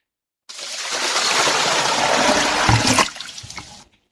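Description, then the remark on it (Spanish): A bucket of cold water is thrown over a sleeping person in one loud rush, splashing for about three seconds with a heavier slosh near the end before trickling away. No voices. “Al parecer, alguien le echó un balde de agua fría a la zombi pestilente.”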